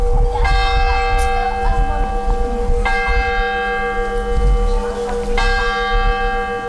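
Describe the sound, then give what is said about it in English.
The tower clock bell of St. Wenceslas Church on the main square in Mikulov strikes three times at a slow, even pace, each deep, resonant toll ringing on with shimmering overtones until the next, over a steady low rumble. “The tower clock of St. Wenceslas Church on the main square measures time that seems to have a different quality in Mikulov.”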